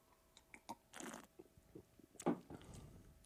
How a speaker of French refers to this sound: Donc, deuxième gorgée, un peu plus de fruits, un petit peu plus sucré, mais ça reste vraiment très surette.